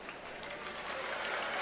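Steady applause from a large Proms concert audience (the prommers), a dense crackle of many hands clapping at once, moderately loud and building slightly, with no distinct voices standing out.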